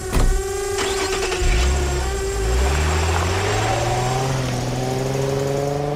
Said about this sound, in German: Und ich krieg dich mit meiner Drohne.